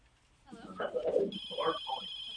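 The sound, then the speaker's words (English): A telephone starts ringing partway through with a steady, high electronic trill that continues to the end, heard over a voice making indistinct vocal sounds. “and then you can actually answer the phone to see what happens.”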